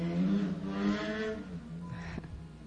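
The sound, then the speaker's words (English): Motorcycles rumble past, their loud, buzzing engines droning steadily before a second bike sweeps by with a quick downward shift in pitch. No one speaks. “I was letting the motorcycles go by. They're pretty loud.”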